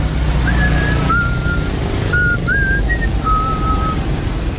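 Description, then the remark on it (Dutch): Someone whistles a short tune of several sliding, clear notes, moderately loud, over a constant background rumble like traffic or an engine. “Oh, hoor je dat fluitje?”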